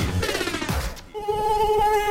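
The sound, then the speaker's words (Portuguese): A thin, steady whine of a dengue mosquito hovers for about a second, following a brief burst of other sound, with no one speaking. “Ei, você ouviu só? O perigo pode estar dentro da sua casa. A água parada é o berço do mosquito da dengue.”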